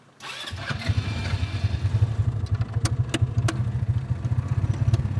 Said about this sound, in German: Ich würde vorschlagen, lass uns Gas geben. Okay, dann machen wir mal die Autos an.